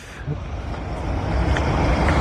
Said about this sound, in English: What's he going on there? Sounds like a lot of heavy traffic going past. A lot of traffic, yeah.